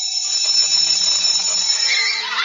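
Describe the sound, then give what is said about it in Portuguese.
A school bell signaling recess at the end of an art class rings continuously for the full duration, a loud, steady, high-pitched electric ringing with no pauses and no voices. “Mas até que um dia, na escola, no fim da aula de artes, quando a turma daquela sala começou a arrumar aquela sala de aula que parecia enfeitada de tinta, papel e sucata, o sinal para o recreio tocou.”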